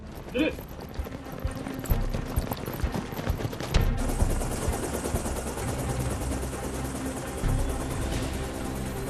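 A helicopter roars, its rotor chopping in a steady rapid rhythm under a dense wash of engine noise, loud and sustained throughout with a sharper burst near the middle.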